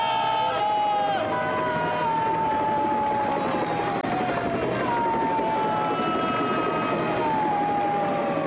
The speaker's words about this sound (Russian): К кораблю летит вертолет.